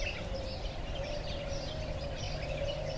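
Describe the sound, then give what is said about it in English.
Scattered high birdsong chirps and twitters of dawn birds drift over a steady mechanical hum and a low, continuous rumble of light traffic, from a soundscape by John Barber recorded in Dubai, Vancouver and Victoria. “Our episode is Dawn Bird's Light Traffic, Melodic Machines by John Barber.”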